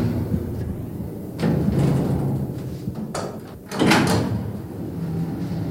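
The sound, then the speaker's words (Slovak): A door opens and closes, with two rushing, scraping bursts a couple of seconds apart over a steady low mechanical rumble. No one speaks. “Len pridržím dvere a pôjdeme nazad.”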